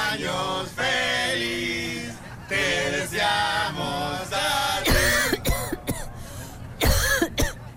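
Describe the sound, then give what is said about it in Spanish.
A coughing fit: after several seconds of drawn-out, strained vocal sounds, a person bursts into harsh coughs in two rapid clusters, loud and raspy. “bostezando y yo sin poder acercarme por este ataque de tos que tengo.”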